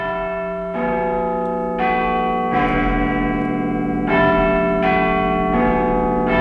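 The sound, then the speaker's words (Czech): The bells of the Clock Tower in London, home of the great bell Big Ben, chime a slow sequence of about six deep, resonant strikes, each ringing on and overlapping the next, loud and sustained with no voices. “Takhle nějak to zní, když se všechny ty zvony rozezní.”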